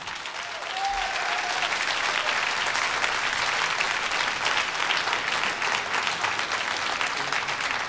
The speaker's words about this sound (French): Merci encore de vos applaudissements, de vos encouragements.